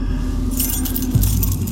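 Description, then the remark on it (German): Keys on a ring jingle and clink in a quick, bright flurry as someone looks for the right key, over a steady low rumble like an idling engine in the background. “Welches mag nur der richtige Schlüssel sein?”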